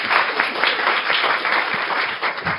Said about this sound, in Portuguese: Uma salva de palmas,